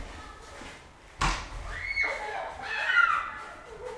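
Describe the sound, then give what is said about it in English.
A snowball fight with snowballs made from snow taken off the tops of cars, thrown at one another's heads: one sharp, heavy thud of a snowball striking, followed by excited high-pitched shrieks and yelling voices that rise and fall over the next few seconds. “Should I have a Yeah, let's listen to the snowball fight.”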